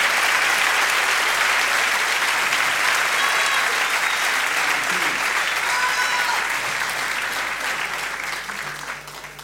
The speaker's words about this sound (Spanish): Un aplauso bien fuerte para los chicos de ….